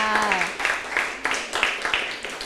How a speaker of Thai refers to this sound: โอ้ปรบมือให้เพื่อนค่ะ